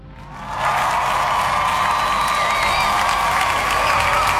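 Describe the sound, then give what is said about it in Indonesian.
A crowd bursts into applause mixed with cheering and shouts, rising quickly after a brief start and holding steady and loud throughout. “67% suara, kita kasih tepuk tangan ya.”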